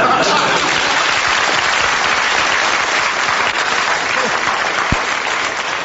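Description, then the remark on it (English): An audience applauds with dense, steady clapping that stays loud and even for about six seconds, a thick wash of many hands with no pauses. “Please, don't applaud.”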